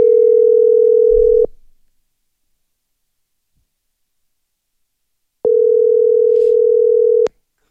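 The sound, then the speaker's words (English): An incoming phone call from an uncle in the USA rings with two long, steady, mid-pitched electronic tones, each lasting over a second, separated by about four seconds of silence. No one speaks. “I see Uncle Val, they try call me. Uncle Val from USA calling.”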